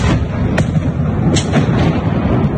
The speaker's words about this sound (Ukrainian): Пізно ввечері 12 жовтня у Києві пролунала низка вибухів ще до оголошення повітряної тривоги.